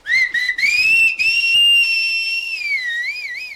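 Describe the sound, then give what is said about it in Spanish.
A loud human whistle blown into a person's ears wavers and slides in pitch without forming a tune, rising, holding, then dipping into a wobbling trill at the end. No one speaks. “Si no oye, le han de fastidiar los chiflidos sin matizarlos melódicamente.”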